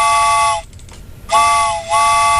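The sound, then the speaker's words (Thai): A steam train whistle sounds loud in two long, shrill blasts separated by a short pause, the second blast wavering briefly before continuing, marking the start of a radio show's second hour. No one speaks. “ชั่วโมงที่2แล้วค่ะคุณผู้ฟังรถไฟขบวนที่2มาแล้ว”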